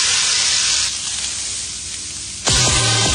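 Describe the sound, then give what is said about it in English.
Bacon sizzles in an iron pan, a loud, steady crackling hiss with no voices. Near the end it abruptly turns brighter and louder, with a humming tone underneath. “It takes fire and iron to sizzle the perfect strip.”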